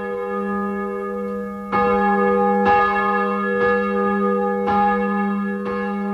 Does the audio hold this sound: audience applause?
no